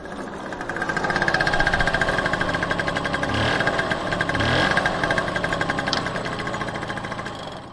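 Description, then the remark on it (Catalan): A small motor scooter engine runs steadily, its rapid, buzzy putter filling the whole stretch with a rattling, vibrating drone that swells slightly as it revs, with no voices, as the scooter is ridden along dirt roads of the north coast toward Ciutadella. “els cables d'aquella pobra vespa que varen manllevar darrere del poliesportiu de Leó.”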